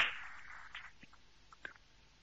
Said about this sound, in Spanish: A todos, un fuerte aplauso por esta hermosa presencia aquí en la casa de nuestra madre.